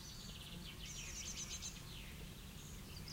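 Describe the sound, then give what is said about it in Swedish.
A magpie flying toward a tree shortly after sunrise calls in a run of quick, chattering notes, fairly faint, over a steady low background rumble with no one talking. “Ja, ja, där kommer skatan. Den flyger mot trädet.”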